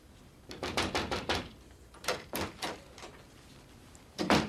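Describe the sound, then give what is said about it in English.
A series of sharp knocks on a door: a quick burst of about five raps, a pause, then three or four more, and a final louder pair, clear with no talking. “knocked on my door.”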